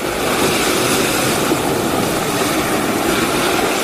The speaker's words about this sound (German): Also ich würde mal sagen, das sind die Wellen. Ja, sehr gut.